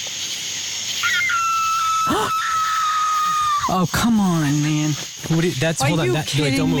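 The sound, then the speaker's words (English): A coyote fox lets out a long, sustained high-pitched scream at night in the pitch-black countryside over a constant insect chirr, followed by a man talking. “That's a coyote fox.”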